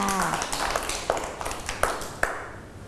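children clapping

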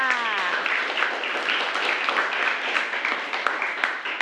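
students applauding in classroom

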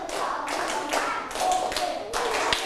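hands clapping

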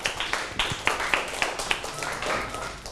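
classroom children clapping

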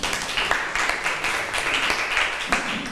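classroom clapping

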